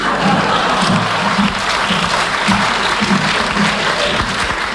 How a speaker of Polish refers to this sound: Alfabet Kabaretu Tej w Radiu Pogoda. Klaskać!